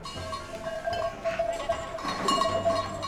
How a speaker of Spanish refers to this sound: te pillo a punto de darle de comer a las ovejas. Sí. ¿Qué ovejas son? Son ovejas la chácara negra.